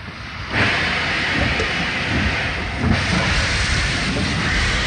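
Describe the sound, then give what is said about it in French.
A steam train pulls away with a loud burst of hissing steam, a second gush following a couple of seconds later over a steady rumbling chug, with no voices. It is the first prisoner convoy leaving Compiègne for Soissons and Germany on 27 March 1942. “Les trains rejoignent Soissons puis l'Allemagne. Le 27 mars 1942, le premier convoi s'élance, le tout premier d'une longue liste.”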